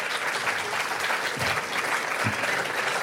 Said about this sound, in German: War auch nicht schlecht, auch der Beifall.